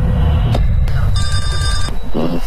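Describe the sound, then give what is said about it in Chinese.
A telephone rings once in a single trilling burst, clear, over a low, steady background rumble with a few faint clicks before it. “此时司马念祖正在等着黄世松的 电话。”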